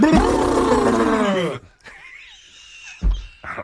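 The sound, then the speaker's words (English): A person imitates an elephant: a loud, rough trumpeting roar for over a second, then a thinner, higher squealing call, ending with two short blasts, with no other talk. “Job-saving elephant impersonation with the yep. tusk.”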